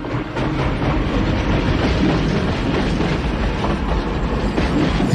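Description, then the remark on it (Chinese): A steam train rolls steadily past with a continuous, loud rumble of wheels on the track and a faint clickety-clack, with no voices. “在火车的汽笛声中，一条史诗般的国际商贸线路终被现代运输方式和贸易体系所取代。”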